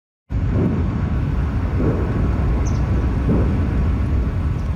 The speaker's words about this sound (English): Distant explosions rumble through the air just south of Moscow, following one of Ukraine's largest drone attacks of the war.